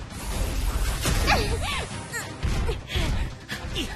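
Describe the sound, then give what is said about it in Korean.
Raptor bolt crossbow arrows fire in a quick, loud volley, each launch a sharp whoosh and thwack, with impacts and grunting voices layered over a dense, noisy action-scene background. “랩터 볼트 화살 발사!”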